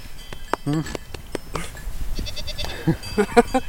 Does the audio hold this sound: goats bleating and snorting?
yes